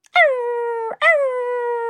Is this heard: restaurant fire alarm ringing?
no